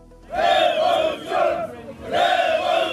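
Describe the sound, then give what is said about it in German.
A large crowd at an evening street protest in Tirana, Albania, beginning at the central Skanderbeg Square, chants loudly in unison, three forceful shouted phrases with brief dips between them, the massed voices blending into a steady, ringing roar. “Seit rund 40 Tagen wird in der albanischen Hauptstadt Tirana demonstriert.”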